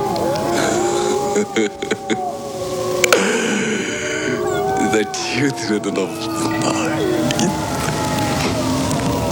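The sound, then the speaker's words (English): A chorus of wolves howls in a Transylvania scene of a film starring Gary Oldman, several long wavering cries overlapping and gliding up and down in pitch, sustained and fairly loud throughout with a rough noisy texture underneath. “The Children of the Night, what beautiful music they make.”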